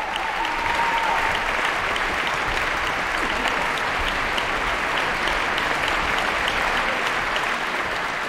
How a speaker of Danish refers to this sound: Ja, stort bifald til de 8 musikere, der har været på scenen her. 8 solister er det nærmest, når det gælder det her store værk af George Enescu.